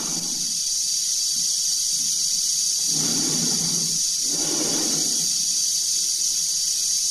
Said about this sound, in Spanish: se ve la cara tensa de Dave, cuya respiración se amplifica por los transmisores